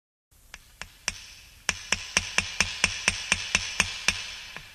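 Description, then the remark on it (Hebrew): Hammer blows drive nails into the wooden walls of a sukkah being built, with children holding the boards: a few spaced strikes, then a quick, steady run of a dozen or more sharp, ringing knocks, fairly loud with no talking. “החזיקו חזק ילדים, עוד כמה מסמרים. זהו, גמרנו.”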